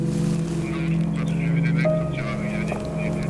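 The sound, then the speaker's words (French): A steady, low engine hum from passing cars, not unmarked cars, drones on without pause, holding an even loudness throughout rather than swelling and fading, with faint voices beneath it. “Ah, c'est pas des voitures banalisées.”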